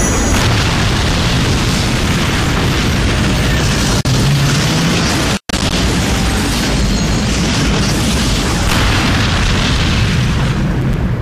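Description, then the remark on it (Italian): An atomic explosion roars continuously: a loud, dense, rumbling blast sustained for several seconds, filling everything from deep bass to hiss, with a brief cut in the middle and no voices. “Un'esplosione atomica.”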